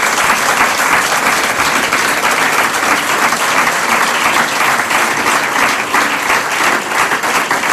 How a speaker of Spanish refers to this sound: Y pido un aplauso para Tomás.